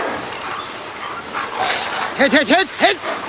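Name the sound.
dogs barking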